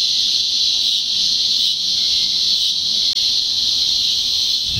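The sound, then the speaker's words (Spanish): A loud, continuous buzzing drone of cicadas singing fills the whole stretch, steady and unbroken with only slight pulsing in intensity, dominant with no voices, in the season just before summer. “¿Cuántos no crecimos con este canto de las chicharras?”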